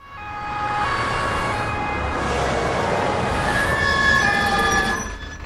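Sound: ambulance siren approaching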